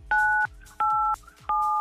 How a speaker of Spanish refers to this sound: Apriétale 987 a tu teléfono para girar la ruleta de artistas.